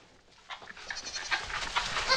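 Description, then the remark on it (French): Several goats bleat on a farm at milking time, their wavering calls overlapping one after another in a busy, continuous chorus after a brief quiet start. “On va récupérer le lait des chèvres pour en faire du bon fromage.”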